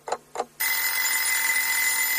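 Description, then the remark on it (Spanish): Two quick clicks, then an alarm clock bursts into loud, continuous ringing, a steady bright metallic clatter that holds without pause to the end. “Hay sonidos que nos despiertan.”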